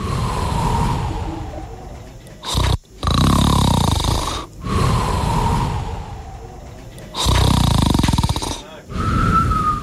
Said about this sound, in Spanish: El 3, porque era así, mira. Es como que ronca fuerte y que hace respiración.